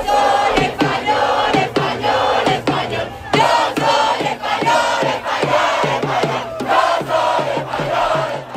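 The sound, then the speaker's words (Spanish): A large crowd of football fans celebrates outdoors in Paris after Spain's World Cup final, shouting, chanting and cheering together in a loud, continuous roar, punctuated by sharp rhythmic claps or bangs throughout. “Anoche se desataba la locura en todo el mundo después del final del partido y se celebraba así hasta en París.”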